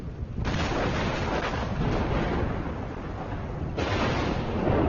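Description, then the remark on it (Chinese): A deep, sustained rumble of thunder rolls on without a break, heavy in the low end with a rough crackling texture, swelling slightly louder near the end. “雷声越来越响，蜂虎也越来越焦躁不安。”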